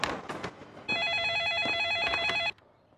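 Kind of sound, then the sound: signal or alarm, telephone ringing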